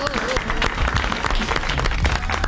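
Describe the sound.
Steady audience applause fills the whole stretch, a dense patter of many hands clapping at an even, fairly loud level, with some voices mixed in underneath.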